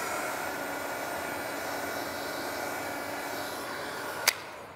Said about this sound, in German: Letzte Handgriffe an der Probefläche für die Denkmalschützer. Das finden immer hier unsere Baustellenkollegen mit am lustigsten so, dass wir hier mit dem Föhn arbeiten.